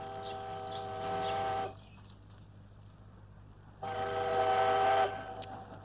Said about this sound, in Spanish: yo esperaba que llegase en cercanías y lo que viene es la vieja 97. Sí, el mercancía se ha vuelto a retrasar.